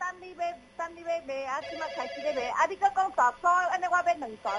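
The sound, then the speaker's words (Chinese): A phone rings with a bright, melodic ringtone, a quick run of electronic tones that repeats in short bursts, fairly loud for several seconds, before the call is answered. “电话举咧。来，喂，你好”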